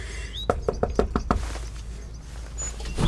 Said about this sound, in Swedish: Nu knackar jag på.